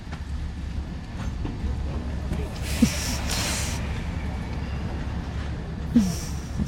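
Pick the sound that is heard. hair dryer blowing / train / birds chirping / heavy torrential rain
train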